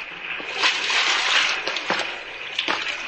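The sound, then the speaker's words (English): Splashing and sloshing of someone wading into a shallow river, with a steady hiss of moving water and several sharper splashes at irregular intervals, moderately loud, no voices. “Come on in, sailor. The water's fine. Shallow, too.”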